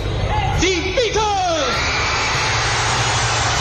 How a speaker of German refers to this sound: Das Gekreische, es war so stark, dass man nachher von der Musik nicht mehr viel hören konnte.